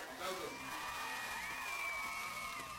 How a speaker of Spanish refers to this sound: O sea, ni Chespirito se pone esos aplausos tan tristes.